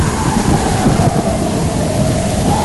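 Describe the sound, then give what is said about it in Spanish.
A steady roar of heavy rain and gusting wind over a lake, with low rumbling thunder rolling underneath throughout, loud with no voices. “De pronto, una impresionante y aterradora tormenta llegó al lago.”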